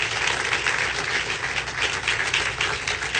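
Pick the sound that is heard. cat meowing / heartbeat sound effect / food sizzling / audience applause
audience applause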